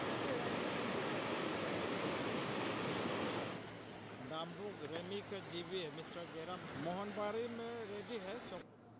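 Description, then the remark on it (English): Loud, steady roar of raging floodwaters on the Kemi River in Assam's Dhemaji district, which washed away a 300-meter-long iron bridge, rushing for a few seconds; then the torrent cuts away and a man speaks over a quiet background. “Raging floodwaters have washed away a 300-meter-long iron bridge over the Kemi River in Assam's Dhemaji district.”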